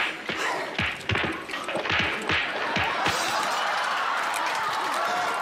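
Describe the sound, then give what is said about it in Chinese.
A burst of crashing, thudding impacts rolls into a sustained roar of crackling noise, like a cartoonish explosion sound effect with debris settling into a steady hiss. “这你俩还爆炸了呢”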